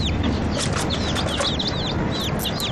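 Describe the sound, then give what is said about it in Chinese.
A cluster of baby chicks peep continuously, their thin, high chirps overlapping over a low background rumble. “爸爸，你快看，小鸡。”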